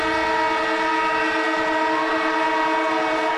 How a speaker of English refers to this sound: And the siren goes off, which means Cameron Ling, AFL legend, ABC sports commentator, is in the house with some breaking news, Lingy.